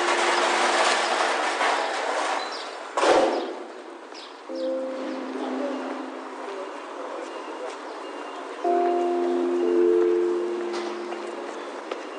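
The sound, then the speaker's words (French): Delivery trucks resupplying the shops on Rue Saint-Julien rumble along the street with a steady engine drone, broken by a sharp metallic clank near the start and shifting low humming tones as the vehicles move. “Un peu plus loin, en s'engageant dans la rue Saint-Julien, des camions, avec leur bruit de métal, ravitaillent les boutiques.”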